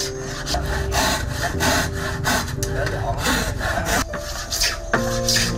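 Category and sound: tool, hand sawing wood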